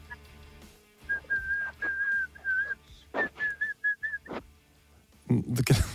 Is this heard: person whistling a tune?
yes